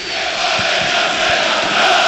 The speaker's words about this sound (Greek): Οι φίλοι του ΠΑΟΚ, οι πιο φανατικοί, όλο και πιο δυνατά φωνάζουν.